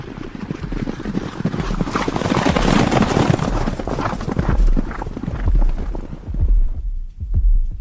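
Loud, rapid galloping horse hoofbeats pound in a steady, driving rhythm, continuing for several seconds with a low rumble underneath before the sound thins out toward the end.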